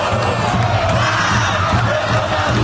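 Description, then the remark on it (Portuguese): A dense, loud crowd of football fans in green and yellow fills the bars and restaurants of the Savassi area, chanting the World Cup war cry together, voices merging into a continuous roar with a pulsing rhythm that fills the whole stretch. “O grito de guerra que tomou conta da torcida nesta Copa.”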